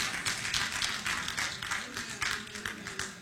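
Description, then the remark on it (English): An audience claps together, a dense, steady patter of many hands lasting a few seconds at a moderate level, with some voices mixed into the crowd noise. “Somebody clap.”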